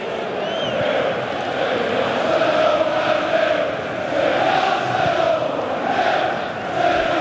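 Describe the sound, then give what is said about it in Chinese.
Footballer Mendy's loud roar after scoring with a header from a low, fast Madueke pass, merged into a dense, continuous crowd roar that swells and dips slightly across the seconds, with no clear speech. “这一声大吼啊，苏门迪也是对上一场比赛那个失误的一个释放， 是一个释放。”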